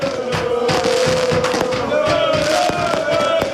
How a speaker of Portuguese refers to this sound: direito até a fogo de artifício, noite dentro em Torres Vedras, para festejar a vitória no jogo de estreia do Torriense nas provas europeias.